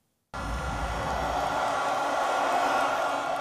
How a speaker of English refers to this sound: Jubilation in the northern city of Barranquilla. Supporters of Abelardo de la Espriella have been cheering his narrow election victory.